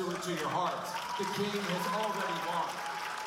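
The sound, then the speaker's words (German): Participants at an event in a hall at GW University cheer steadily for a few seconds, shouting voices rising over a wash of clapping and noise, holding at an even, moderately loud level throughout. “Sagt Posowiec zum Jubel der Teilnehmer, der lauter klingt, als er ist.”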